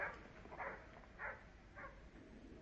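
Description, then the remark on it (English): A dog, being set free at the King's Pyland stables, barks four times at an even, steady pace, the barks fairly faint against a low background hiss, with no voices. “Well, I'll show you how we serve them at King's Pyland. Just wait till I set the dog free.”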